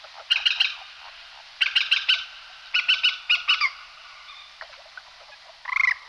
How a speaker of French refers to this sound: Le faucon cresserel, donc, est bien présent dans notre région.